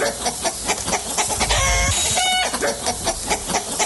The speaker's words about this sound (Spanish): y andan correteando las gallinas.